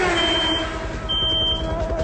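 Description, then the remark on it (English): A pocket radar detector sounds shrill, sustained electronic beeps that break off briefly and resume, over a steady low rumble like a vehicle engine. No one speaks. “I got a pocket radar detector.”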